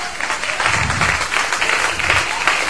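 A crowd applauds for Christ at a religious gathering broadcast on radio, many hands clapping together in a dense, sustained wash of sound that holds at an even, fairly loud level throughout.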